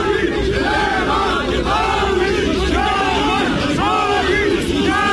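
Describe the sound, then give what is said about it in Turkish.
A loud crowd, including CHP members, shouts and chants slogans at the Dikmen Gate entrance of the Turkish parliament, the exchange turning into scuffles with police present, overlapping voices rising and falling in rhythmic bursts over a dense background roar of agitated commotion. “Taraflar arasında sloganlarla başlayan atışma zaman zaman arbedeye dönüştü.”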